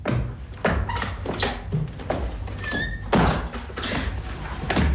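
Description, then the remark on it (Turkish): A door is opened as a man enters, amid a series of dull thumps and knocks, with a brief squeak partway through; the sounds are fairly loud, and no one speaks. “Hadi şimdi kapının arkasına gel. Adam içeri girer girmez üstüne atlayacağız, tamam mı?”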